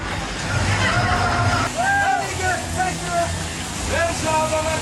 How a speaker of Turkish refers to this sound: Fethiye'de sağanak yolları göle çevirdi ama bazı turistler için bu durum pek de sorun olmadı. Turistler şişme yataklarla selde bakın nasıl keyif yaptı.